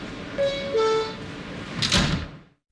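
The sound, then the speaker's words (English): Subway train doors closing: a two-tone descending chime rings out, followed by a hissing rush and thud as the doors slide shut, then abrupt quiet. “Stand clear of the closing doors, please.”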